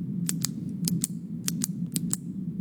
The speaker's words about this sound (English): The old pen clicking.